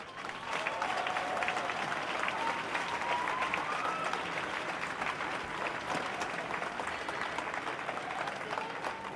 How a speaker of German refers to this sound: Großen Applaus bitte.